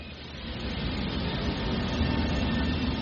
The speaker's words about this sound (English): The stop is on the Hlavka Bridge, which spans the Vltava or the Moldau River across Štvanice Island. What you can probably hear in the background is the sound of one of the weirs.